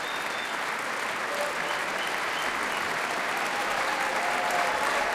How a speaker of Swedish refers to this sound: Det applåderas fortfarande här i Berwaldhallen där P2 alltså sänder direkt.